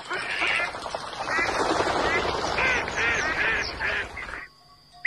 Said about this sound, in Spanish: Los patos de las lagunas de la Mancha Húmeda.